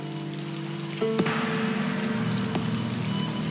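Steady rain falls throughout, a dense hiss of drops on surfaces with a low background hum, getting slightly louder after the first second; no voices are heard.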